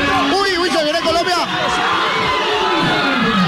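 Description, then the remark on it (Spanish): A crowd of fans watching a Colombia football match lets out a loud, collective "uy" groan-shout, many voices rising and falling together, followed by a sustained murmur of excited chatter. “Me preocupa porque ustedes gritan primero el uy que yo.”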